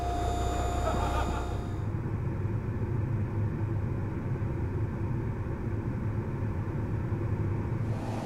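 A pickup truck drives along towing a car toward a cleared road, its engine producing a steady low rumble with a rougher, louder burst at the start before settling into a continuous drone.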